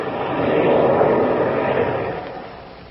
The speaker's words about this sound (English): Oh, hey, listen, Chuck. Listen to that. Chuck throttled his engines. We're going down to land.